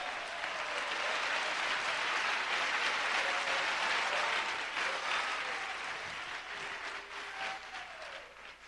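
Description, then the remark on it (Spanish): An audience at a church service breaks into sustained, loud applause for God, a dense wash of clapping that holds steady for several seconds before thinning slightly toward the end. “Fuertes esas palmas para Dios.”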